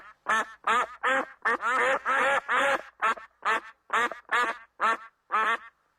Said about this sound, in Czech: Divoké husy. Těsně vedle. Takže by to byly divoké kachny. Přesně tak.